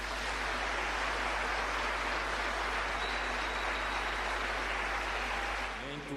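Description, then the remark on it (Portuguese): A crowd claps steadily in a dense, sustained wash of applause lasting several seconds, holding at an even loudness before a voice begins speaking as it fades at the end. “Por isso, queria pedir uma grande salva de palmas.”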